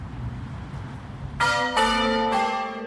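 Church bells ring out in three quick successive strikes, loud, their bright metallic tones overlapping and sustaining after a brief low background rumble.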